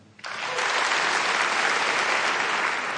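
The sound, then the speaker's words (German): Applause from a concert audience at a Deutsches Sinfonieorchester Berlin concert, welcoming the conductor. It swells in after a brief quiet start and becomes a steady, dense wash of many hands clapping at full loudness with no voices. “Und durch diesen Abend wird uns führen unser Dirigent Stefan Maltzeft. Applaus”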